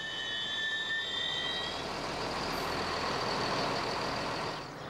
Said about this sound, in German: Ein Zug in Feldberg.